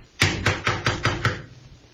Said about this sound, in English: You going to knock?